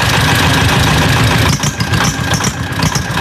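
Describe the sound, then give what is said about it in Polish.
A vintage Porsche Junior tractor, the smallest tractor designed by Ferdinand Porsche, runs at a vintage tractor rally on roads of the Opole region, Poland: a loud, steady low chugging idle with rhythmic knocking pulses and rattling vibration throughout, no voices. “A skoro Formuła 1 ma Ferrari, Mercedesa i McLarena, to rajd zabytkowych traktorów miał swoje Porsche.”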